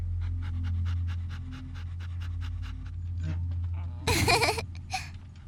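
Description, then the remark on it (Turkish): A dog pants rapidly and steadily, a quick rhythmic huffing over a low hum, broken near the end by a short, loud whiny burst. “Aa, onu burada bırakamayız ki, köpeği de almalıyız.”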